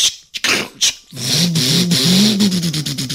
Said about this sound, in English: Gentlemen, start your engines! Engines, engines! And the rabbit started up his car.